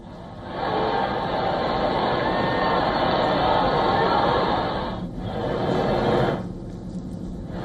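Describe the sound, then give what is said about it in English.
A large crowd in the streets around Plaza Cibeles in Madrid, Spain, cheers and shouts "Long live the Pope!" as Pope Leo arrives in the Popemobile, waving flags and throwing flower petals; a loud, steady roar that swells for several seconds, dips briefly, surges again, then fades away. “People cheer as the Pope arrives in his Pope Mobile, waving flags, throwing flower petals and shouting, "Long live the Pope!"”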